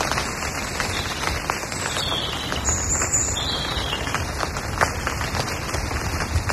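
A steady, dense patter of rain in a forest crackles on a carpet of dried, now damp leaves, countless light taps blending into a continuous hiss, while birds chirp faintly in the background.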